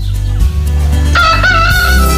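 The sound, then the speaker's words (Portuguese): A rooster crows once, loud, its strained, rising call held for about a second before breaking off, over a low steady hum. “O galo cantou!”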